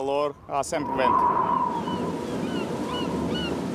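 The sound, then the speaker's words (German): A voice speaks briefly, then a steady, loud rush of wind blows across the seashore in the Algarve, Portugal, blending with surf-like roar, with a faint tone and high cries above it. “Vom Winde verweht, endlich am Meer.”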